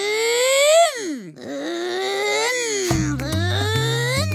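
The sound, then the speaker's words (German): A child, asked for their loudest car noise, makes a long, loud vocal car-engine imitation, a buzzing vroom that swoops down in pitch, climbs again and holds, with a low rumbling drone joining toward the end. “Mach mal bitte dein lautestes Autogeräusch.”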